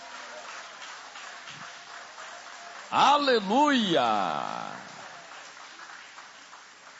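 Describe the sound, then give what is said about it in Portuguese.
Steady, moderate clapping from a church audience applauding Jesus after a Bible reading, with a single voice shouting out loudly over it partway through before the applause carries on. “Pode tomar o vosso assento, guarde a Bíblia com carinho e aplausos para Jesus.”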